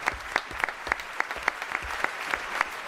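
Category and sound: crowd, applause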